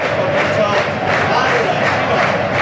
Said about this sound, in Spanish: Ahí están los aplausos en el municipal del Toralín. Ahora está entregada la afición blanquiazul, precisamente su equipo, después de conseguir hace aquí una semana este playoff de ascenso, que la disfruta.